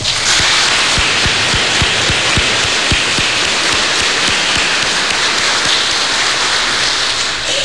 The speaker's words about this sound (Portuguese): Então nós queremos acolher estes ministros extraordinários da Sagrada Eucaristia que querem servir a comunidade. Peço que você se volte para a comunidade e os acolhemos com uma salva de palmas.